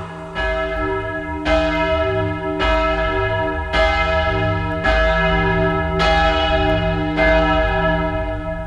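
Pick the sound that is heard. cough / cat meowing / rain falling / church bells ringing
church bells ringing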